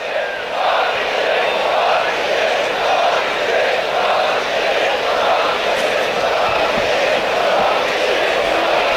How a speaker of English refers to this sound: Not sure I know what they're saying, or maybe I don't want to. The crowd down the right field line.